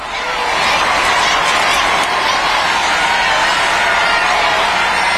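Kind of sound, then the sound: crowd, street crowds roaring approval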